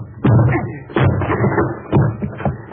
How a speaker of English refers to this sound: I'll have to break the door down